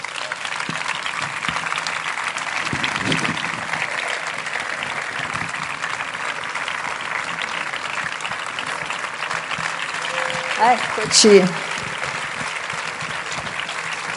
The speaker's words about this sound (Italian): Bentornato. Questo applauso.